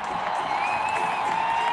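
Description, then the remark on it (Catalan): A large stadium crowd at the Estadi Olímpic roars at the end of a farewell concert, a dense wash of shouting and cheering with a few sustained high cries riding on top, holding the same loudness throughout. “I els crits de la gent.”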